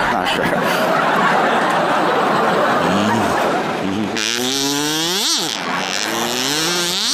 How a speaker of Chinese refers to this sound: 这叫卡祖笛。 没见过， 学名叫哨。